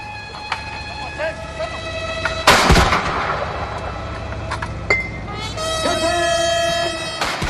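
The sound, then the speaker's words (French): A 21-gun cannon salute at Al-Ittihadiyah Palace in Egypt, welcoming Chinese President Xi Jinping: heavy booming blasts fire one at a time, a couple of seconds apart, over steady sustained horn-like tones from a military band playing a welcome piece and a low background rumble. “Ils ont été accueillis par une garde d'honneur et une garde d'honneur à cheval, tandis qu'une fanfare militaire jouait un morceau de bienvenue et qu'une salve de 21 coups de canon était tirée.”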